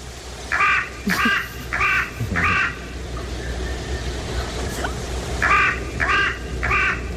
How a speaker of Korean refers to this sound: 자, 그럼 두 번째 까마귀 소리 한번 다시 들어볼까요?